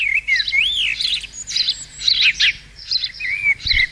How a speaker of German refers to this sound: Alle fragen sich gerade, warum hier dieses Vogelgezwitschere läuft.